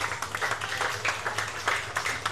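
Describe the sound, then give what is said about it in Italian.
A crowd applauds a driver at the PGK Circus race, a dense, continuous patter of many hands clapping at a fairly even loudness, with a low hum running underneath and no voices. “e accompagniamolo con un grande applauso.”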